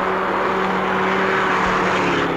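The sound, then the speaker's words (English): A car engine drones steadily with a low, even hum and broad road noise, holding at a constant loudness rather than rising or fading; the car does not pull up. No one speaks. “What's that car? It's not pulling up, is it?”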